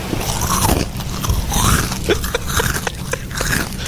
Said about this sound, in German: Gucken Sie zur Seite und sehen, wie sich eine Ziege an ihren Chips vergeht. So passiert an der Cala San Vicens. Das Tier, das spazierte nämlich ganz entspannt durch die Badegäste und hatte es offenbar vor allem auf deren Proviant abgesehen.